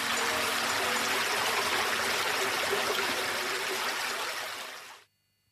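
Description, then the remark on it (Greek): Water rushes steadily along a stream, a dense, even hiss of flowing water that holds for about five seconds, then cuts off abruptly. No voices are heard. “Νερό της φύσης.”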